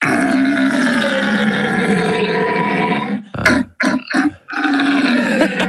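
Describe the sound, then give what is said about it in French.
A person imitates a red deer's rutting bellow: a long, loud, rough roar, then a few short grunting bursts, then another drawn-out, throaty bellow. No other voices or sounds. “merci de cette imitation du brame du cerf, notre Alsacien presque parfait,”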